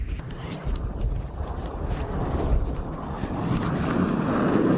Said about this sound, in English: It's windy. Just standing out in 30 below zero.